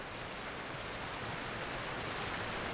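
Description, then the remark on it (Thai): A steady, dense roar of rushing water from a waterfall that salmon must pass fills the whole clip without pause, broad and hissing, with no voices present. “ตามน้ำตกเช่นนี้หลายแห่งแซลมอนต้องเผชิญกับสิ่งอื่นนอกเหนือจากสายน้ำ”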